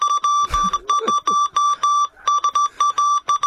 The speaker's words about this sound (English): everything was done by Morse code from opposite. So, Peter, you would know what this is saying.